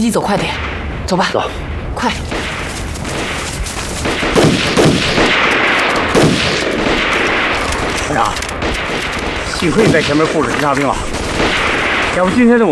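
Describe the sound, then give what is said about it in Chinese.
Sustained gunfire crackles in rapid, irregular volleys from the opposite hillside, shots overlapping throughout, while voices shout briefly over the shooting near the end. “有枪声。枪声是从对面山坡上传过来的。”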